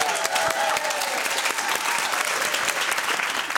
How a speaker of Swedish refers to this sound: David applåderar sig själv. Ja, han gör det.